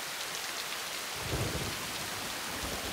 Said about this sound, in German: Zu klein für ein Unwetter wie das hier.